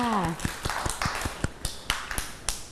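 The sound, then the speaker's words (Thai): Children clap for themselves after singing a song about crossing the road, a steady, moderately loud rhythm of about a dozen sharp claps, right after a brief trailing voice at the very start. “เก่งมากค่ะเด็กๆปรบมือให้ตัวเองด้วยค่ะ”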